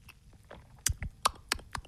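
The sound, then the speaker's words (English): Someone sips Hong Kong-style iced tea made with tea bags, lemonade, lemon juice and ice cubes, with a quick run of five or six sharp clicks and knocks, like ice shifting in the cup. No one speaks. “About to take a sip of this viral Hong Kong iced tea.”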